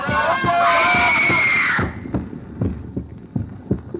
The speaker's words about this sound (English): First, the voices echoing in my ears, the fragments of speech about a concert, are the same voices I heard in that crowd, rising again and again to the climax of a woman's scream.